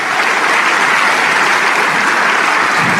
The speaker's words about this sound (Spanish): Si ese aplauso es para el Rey de Reyes. Aleluya.